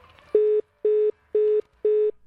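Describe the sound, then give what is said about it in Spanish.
Four evenly spaced beeps of a telephone line tone, the busy-signal pattern heard when a listener's call to a radio programme cuts off, each short burst followed by an equal pause, loud with nothing else behind it. “Ahí se cortó.”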